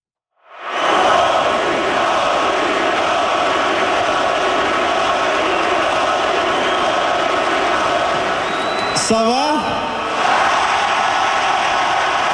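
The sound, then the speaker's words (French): A huge hockey arena crowd roars and chants the goalie's nickname together in a loud, unbroken wall of voices for about twelve seconds, as the goalie is named a star of the game, with a brief sharp rising tone cutting through near the end. “Oui, on entend Dobby. Ça, c'est quand, j'imagine, il y a eu son étoile.”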